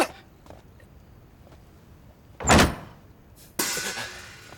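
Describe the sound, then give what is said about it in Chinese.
A short, sharp knock on a door at a gambling house, made by someone knocking before entering, followed by a longer rustling, scraping noise like the door being opened. No one speaks. “是，我这就去敲，这就去敲。”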